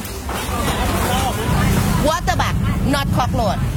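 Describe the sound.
Busy meat and vegetable market ambience in Bangkok, with stalls selling water beetles, small frogs, live toads and live eels: a steady murmur of crowd voices and chatter over a low rumble, with a few sharper clatters and voices rising midway through.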